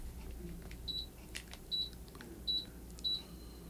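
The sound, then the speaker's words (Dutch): Four short, high-pitched electronic beeps from an air conditioner remote as the air conditioning is being adjusted, evenly spaced about a second apart over a low steady hum, with faint clicks between them. “Even de airco hier regelen hoor.”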